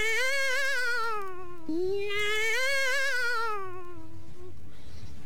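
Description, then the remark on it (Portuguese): A cat screeches in two long, wavering yowls, the second drawn out for several seconds before trailing off. It is loud, with no talking. “Você acabou espantando com o grito do gato, não foi?”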